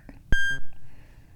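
A sharp synthesizer beep rings out as a steady tone with bright overtones, marred by a short, rough glitchy buzz right after it, then fades into a low hum.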